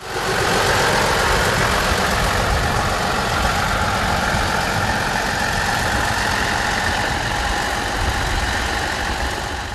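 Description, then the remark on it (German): A heavy diesel locomotive engine rumbles steadily as the locomotive is moved into position before the train departs, a dense low throb with a broad rough hiss above it, holding an even, loud level with slight rhythmic pulsing and no voices. “Bevor es losging, wurde schließlich noch die Lok in Position gebracht.”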